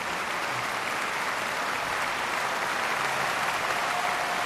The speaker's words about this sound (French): Vous entendez les applaudissements particulièrement chaleureux du public lucernois au terme de cette partition que Ravel considérait lui-même comme l'une de ses œuvres les plus légères, les plus brillantes aussi.